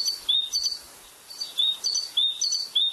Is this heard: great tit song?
yes